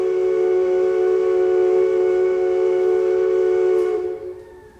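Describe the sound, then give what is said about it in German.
A steamship horn blasts in one long, steady, deep blare with rich harmonics, holding for about four seconds before cutting off and fading out. No voices are present. “Da würde ich sagen, nehmen wir einen Dampfer. Ein Dampfer. Schon ist er da.”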